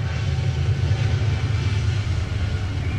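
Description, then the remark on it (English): A train passes behind a ballpark during a baseball game with a steady, heavy low rumble and a broad wash of mechanical noise that holds constant for several seconds, with no voices over it. “Harvey was doing pretty well in his last start as well as that train goes by behind the ballpark.”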